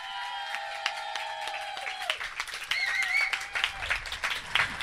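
An audience claps steadily for about five seconds, the dense patter growing fuller and louder toward the end, with high sustained tones ringing over the applause.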